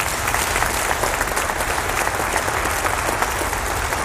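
A large group claps again at the speaker's prompting, steadily and enthusiastically, dense, sustained applause at a fairly loud level for several seconds without any speech over it.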